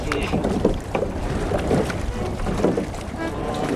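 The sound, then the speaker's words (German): A rowing boat moving across the water on the Alte Donau, with rhythmic oar strokes splashing at a steady pace over a constant wash of wind and water noise. “der ist für uns rudern gegangen.”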